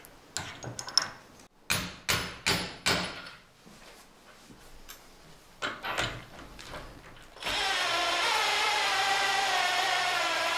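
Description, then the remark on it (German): A run of sharp metallic clacks and knocks, irregular, as a metal spike and washer are fitted into the wooden leg of an orchard ladder, followed by a steady loud whirring power tool; no one speaks. “Als nächstes kommt dann die Spitze mit der Unterlagscheibe.”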